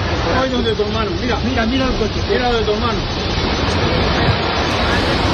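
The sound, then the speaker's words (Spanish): A loud, steady roar of rushing floodwater from a torrential downpour caused by a strong storm on a Saturday afternoon in El Bierzo, Spain, fills the whole stretch, with faint, indistinct voices briefly audible beneath it early on. “Es el sonido de la tromba de agua provocada por una fuerte tormenta en la tarde del sábado que ha causado la muerte de 2 mujeres.”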